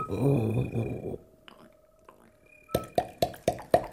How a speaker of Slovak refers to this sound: Počula si to? Ha, to bude ďateľ. Veď vravím, ďateľ.